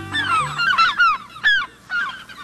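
Tundra swans call in a series of high, nasal honks with falling pitch, several birds overlapping in an uneven, clamorous rhythm, moderately loud with no voices.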